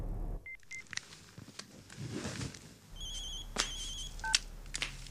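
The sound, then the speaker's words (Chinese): A telephone rings with a warbling electronic tone, preceded by a few short beeps, clear over a low background rumble of traffic. No one speaks. “每次想找你的时候，你都会打电话来。”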